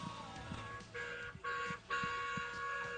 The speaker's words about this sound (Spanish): Sí, se escucha. Un bocinazo, no sé de... ese, porque hay varios bocinazos. No sé de quién será ese, pero le agradecemos.